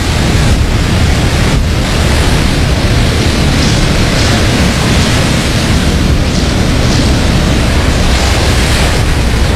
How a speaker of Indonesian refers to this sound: sekali nih gelombangnya.